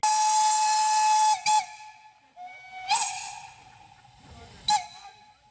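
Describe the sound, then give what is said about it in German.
A departing steam locomotive, the 1K No. 54 running together with 99542, a 4K engine, sounds its whistle in a long, steady high-pitched blast with a loud hiss, then three short sharp toots separated by pauses, with faint rumbling underneath. Recorded at Pentecost 2026 in the Schwarzwassertal. “Sie fährt aus, die 1K Nummer 54, zusammen mit der 99542, eine 4K-Maschine.”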